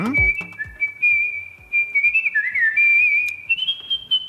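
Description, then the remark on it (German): Skilled, melodic artistic whistling by a world champion whistler carries a bright, sustained tune with smooth pitch glides and ornamented trills, clear over a soft rhythmic accompaniment. “Er ist Weltmeister im Kunstpfeifen.”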